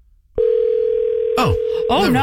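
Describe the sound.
A steady, unbroken telephone ringback tone starts abruptly and holds loud, with people talking over it during the second half, as someone places a phone call to the studio engineer.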